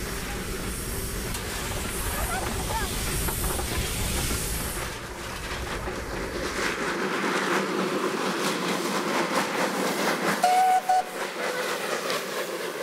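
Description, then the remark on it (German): A steam locomotive at the Wailima settlement of Sandstone Farm, on South Africa's border with Lesotho, during the Stars of Sandstone days, hisses loudly and steadily, with a deep rumbling chuff through the first half that then drops away, leaving sharp hissing and a brief high tone near the end. No one speaks. “Nicht allen scheint das schnaufende und fauchende Ungetüm geheuer zu sein.”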